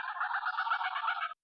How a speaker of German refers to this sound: Das klingt deutlich gänsiger. Okay, DJ, Gänse.